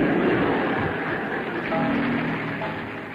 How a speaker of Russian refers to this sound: Едва владея собой, под шумные аплодисменты зрителей Бениаминов покидает просцениум.